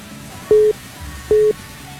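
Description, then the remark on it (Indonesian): Two short, steady telephone beeps of a phone call whose line was cut off, evenly spaced about a second apart, moderately loud over a low background hum with no one speaking. “telepon tapi terputus sambungan teleponnya.”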